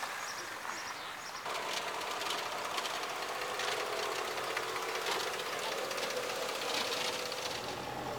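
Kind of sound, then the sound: vehicle, tractor engine running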